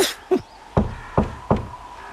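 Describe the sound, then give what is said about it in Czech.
Five sharp knocks on a door in an uneven rhythm, a quick pair followed by three more evenly spaced raps, fairly loud against a quiet background. “Koukej, už jsme tady. Zaklepej.”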